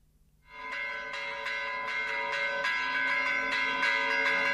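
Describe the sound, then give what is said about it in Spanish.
Church bells of the Santísimo Cristo de La Laguna, not large bells but finer-toned, ring out after a brief moment of quiet, bright and fairly high-pitched, struck repeatedly in a quick, uneven peal with the tones overlapping and sustaining. No voices are heard. “Este es el del Santísimo Cristo de la Laguna, que no tiene unas grandes campanas, pero son como mucho más finitas.”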